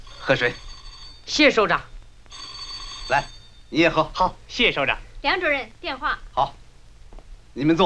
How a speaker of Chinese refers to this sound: 电话。